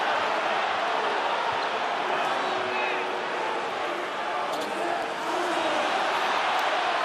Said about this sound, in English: Crowd reacting to the big screen.